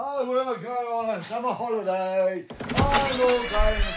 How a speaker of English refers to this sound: So, gonna open the door to the outside world then, because I'm gonna go on a summer holiday.